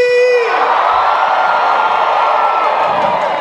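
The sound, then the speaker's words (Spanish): A large concert crowd in Cali roars and cheers loudly, opening with a sharp sustained whoop before dissolving into a dense, continuous wash of screams and shouts that fills the whole moment. “¡Yo los quiero escuchar bien, Cali!”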